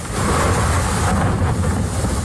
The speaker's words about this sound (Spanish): Y esto es otro sonido, podemos llamar sonido de ambiente, ¿no? Pero es sonido de lluvia, del temporal, de las tormentas de esta pasada noche. No dan tregua, ¿eh?